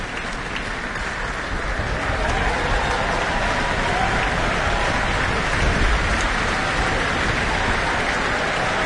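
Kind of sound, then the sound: crowd, concert audience applause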